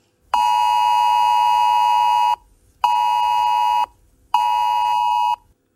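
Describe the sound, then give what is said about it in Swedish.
A Swedish public emergency alert from the Swedish Civil Contingencies Agency (Myndigheten för civilt försvar) blares on a mobile phone: a harsh, steady electronic tone sounding once for about two seconds, then twice more in shorter bursts separated by brief silences. No one speaks. “Om något händer, som till exempel en stor brand, kan alla mobiltelefoner som befinner sig i närheten få ett meddelande.”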